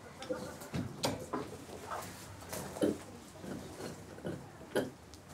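Three unsettled pigs, Specky, Erna and Lieschen, grunting in a steady series of short, low snorts and grunts, some sharper bursts standing out, with rustling and shuffling noises in between and no talking.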